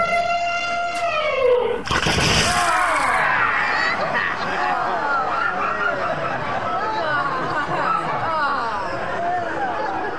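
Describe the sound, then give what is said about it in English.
A loud, brassy trumpet from a big elephant blares for about two seconds, bending downward in pitch, then a harsh burst of noise gives way to a steady babble of many voices chattering and laughing. “No, behind you. It's a big elephant.”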